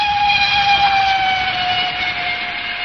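A non-corridor train runs steadily along the rails, loud, with a sustained high metallic whine over a continuous rushing rumble and no voices.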